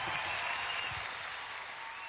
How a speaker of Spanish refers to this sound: Fuerte el aplauso y de pie el aplauso, creo que amerita.